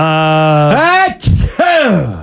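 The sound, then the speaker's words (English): A loud, explosive sneeze: a long voiced buildup that rises in pitch, a sudden sharp breathy burst, then a brief voiced trailing note. “And I've always sneezed like this, which is explosively.”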